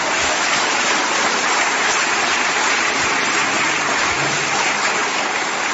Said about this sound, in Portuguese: Quem acredita, dá glória a Deus. Pode aplaudir Jesus.